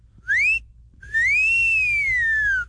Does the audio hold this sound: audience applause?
no